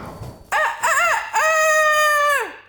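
A rooster crows once, loud, its call rising through a few short notes before a long sustained cry that drops off at the end.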